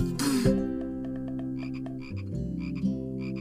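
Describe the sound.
A toad croaks in a steady, low, throaty drone with a buzzy pulsing texture, fairly loud, opening with a brief noisy burst and carrying on for a few seconds without any talking.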